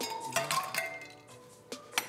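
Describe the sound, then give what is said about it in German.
Ice cubes, a generous portion, clink into a glass while an NRW-Mule cocktail is being mixed, in a quick run of bright, ringing knocks, followed by a few scattered taps and a short rattle near the end, with no talking. “Eis, das darf ja nicht fehlen.”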